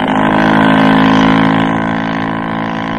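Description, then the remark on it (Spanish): A motor launch's engine roars, its steady droning hum holding strong before easing slightly as an officer accelerates it away toward a second ship. No voices are heard. “Bajo la mirada burlona de Farek, un oficial aceleró y...”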